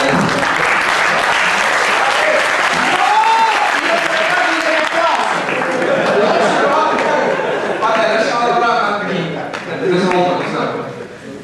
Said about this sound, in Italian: Hai brevettato anche un applauso?